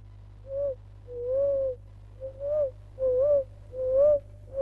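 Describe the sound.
A voice imitates a pigeon's coo, making about six low, breathy hooting calls in a loose rhythm, fairly soft, with no talking.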